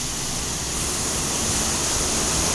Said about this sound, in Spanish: Se desbordó el río acá, va corriendo lisito abajo ya. Ahí se desbordó el río. Ahí se desbordó, mucha agua la que viene.